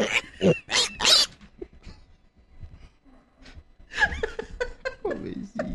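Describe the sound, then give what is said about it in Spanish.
A little child asleep and snoring: a few loud, rough snorting breaths in quick succession, then quieter murmurs and voices with some chuckling taking over. “¿Ya está roncando? Sí, está roncando.”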